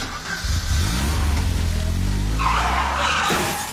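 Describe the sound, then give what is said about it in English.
A car engine roars, then tires skid with a loud, harsh screech lasting about a second, as in a car accident, before fading out. No one speaks. “Fix Auto, the first words that should come to mind after an accident.”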